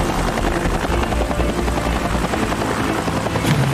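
A helicopter's rotor thrums steadily, a loud continuous chopping drone with a dense low-end rumble that holds level throughout, no voices present, as the aircraft hovers while trying to open beer bottle caps.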